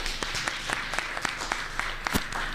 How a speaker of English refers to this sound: First of all, I want to add my thanks. We need to get a round of applause for this debate. Come on.